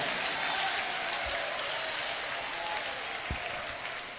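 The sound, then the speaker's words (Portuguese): A church audience applauds Jesus in a steady, dense wash of clapping that holds at an even level throughout, with no voices rising above it. “Isso, fechou a mão assim, ó, pode aplaudir a Jesus.”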